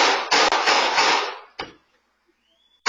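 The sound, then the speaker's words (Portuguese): Six gunshots from a man firing a gun at his ex-partner's house, caught on video, ring out as loud sharp bangs in a rapid overlapping cluster, then two more isolated shots separated by a brief lull of near silence. “São 6 tiros.”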